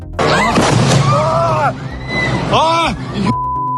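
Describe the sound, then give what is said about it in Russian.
A loud, roaring blast from a strike by Ukrainian uncrewed boats on the embankment of the port of Sochi, on the night of 9 September, rumbles for several seconds while panicked voices shout over it, then cuts off abruptly, leaving a low steady hum. “По меньшей мере было два удара. Оба пришлись по набережной.”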